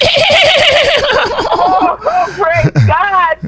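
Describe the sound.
A loud horse whinny with a fast quavering pitch, trailing off into shorter snorting, voice-like calls over a steady background hum.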